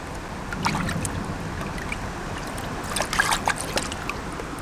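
Water laps gently against a lakeshore with lush vegetation at the water's edge, as a person wades out in wading boots. Small, irregular splashes sound over a steady, soft outdoor ambience, with a slightly brighter cluster of ripples near the end and no voices.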